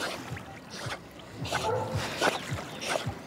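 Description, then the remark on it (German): A dog named Maya, a thick-furred dog, paddles and splashes while swimming in a lake, with repeated irregular sloshing bursts of moderate loudness and a faint whimper-like sound partway through. “dann kann man auch richtig schön mit der schwimmen, entspannt am See”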